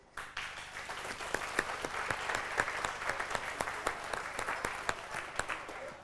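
An audience applauds steadily for several seconds after a speech at the 600-year anniversary celebration of Reitzenhain, a dense wash of many hands clapping with sharp individual claps standing out, even in loudness with no talking.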